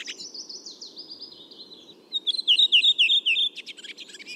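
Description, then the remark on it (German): A redwing sings: a descending run of clear whistled notes, then a rapid, bright chattering twitter in quick repeated bursts, heard against a steady low background hum. “Bei der Rotdrossel ist es so, die haben so 4-5 Elemente, so 4-5-5 Elemente am Anfang so. Und dann kommt genau dieses schöne Schwatzen.”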